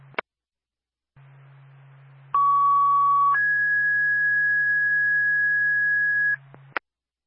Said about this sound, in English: Stand by for second tones.